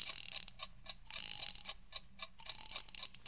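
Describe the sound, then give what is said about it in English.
A wind-up alarm clock ticks steadily, with bursts of rapid ratcheting clicks as it is wound. No voices. “First, attach the wire to the alarm clock.”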